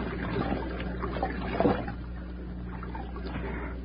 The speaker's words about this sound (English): You hear that? Sounds like water. A brook, maybe. Come on. Look. See how our luck's changed? We ain't even out of sight of the wreck, and we found water already. There it is, Nails. The stream, all right.